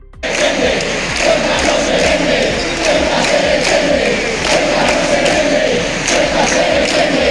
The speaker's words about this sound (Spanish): escuchamos los sonidos procedentes de la concentración que a las 8 de la tarde de ayer ocupó la plaza del Ayuntamiento de Pamplona